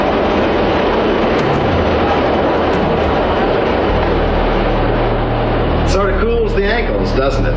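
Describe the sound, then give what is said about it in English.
A subway train roars past with a loud, steady rumble and rushing noise, filling the whole clip; voices start talking over it near the end. “Ooh, do you feel the breeze from the subway?”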